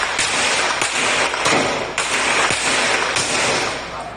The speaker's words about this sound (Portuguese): O dia amanheceu sob tiros no complexo da Maré.